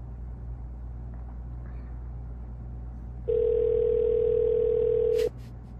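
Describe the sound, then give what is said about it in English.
A single steady ringback tone from an outgoing phone call to a business that goes unanswered, lasting about two seconds over a constant low hum, then cutting off abruptly. No one speaks. “They're just gonna let it ring.”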